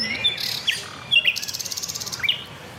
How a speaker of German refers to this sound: Und die Nachtigall kombiniert im offenen Park unzählige Strophen immer wieder neu.